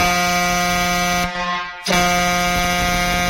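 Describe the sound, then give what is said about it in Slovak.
A loud, brassy air horn of a huge fire truck blares in a sustained harmonic drone, cuts out briefly partway through, then blasts again at full strength. No one speaks. “Ježiš, koľký teraz ľudia v aute idú a len sa začali obzerať, že aké hasičské obrovské auto, nepoviem čo.”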